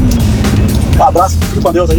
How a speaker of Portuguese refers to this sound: Valeu, só dá pra ouvir o ronco do motor, né?